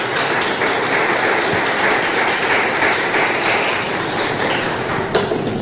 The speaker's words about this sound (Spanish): Palabra, ¿cuántos se alegran por esa palabra? Denle un fuerte aplauso, por favor, al Señor.